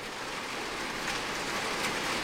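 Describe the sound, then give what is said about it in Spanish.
Heavy rain pours onto metal roof sheets in a dense, steady hiss and patter that stays evenly loud throughout, with no voices or breaks. “¿Cómo llueve, chicos? ¿Cómo suenan estas chapas?”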